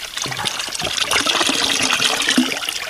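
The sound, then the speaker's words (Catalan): Water pours from a fountain by the plaça de Sant Martí in a steady, splashing trickle for a few seconds, fairly loud, with no voices. “Me'n vaig a dir que com me dius això, ara tinc ganes de beure un cop. Pots beure, eh? Fes-ho.”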